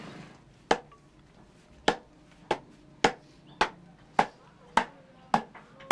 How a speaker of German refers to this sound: Die jungen Männer klopfen Goldblättchen, ein hoch angesehener Beruf, bei dem man mit 4 Euro am Tag recht gut verdient. Die Arbeit ist jedoch auch genauso anstrengend wie monoton.